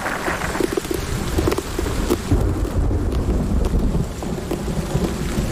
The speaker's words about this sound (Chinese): 还好，这场冰雹只持续了短短几分钟。